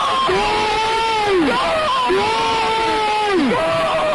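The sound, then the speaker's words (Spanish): A stadium crowd of Zaragoza supporters roars in celebration of a football goal struck from very far out, while a loud voice lets out two long, drawn-out yells over the steady din. “Pero este sonido te va a llevar a un momento que cambia tu vida.”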